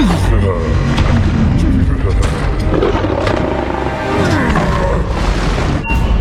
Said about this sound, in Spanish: Detectamos explosión sónica.